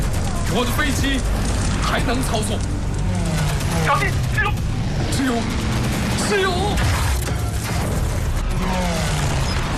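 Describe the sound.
Rapid bursts of machine gun fire from fighter planes in an aerial dogfight with Japanese fighter planes crackle loudly beneath continuous talking. The fire is layered over a steady mechanical engine drone that fills the whole stretch.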